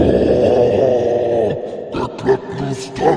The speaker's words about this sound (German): Ihr hört von diesem Spalt, in dieser Kammer mit den Wölfen ging ja dieser Spalt nach oben und ihr hört von oben ein wütendes, tiefes Grollen.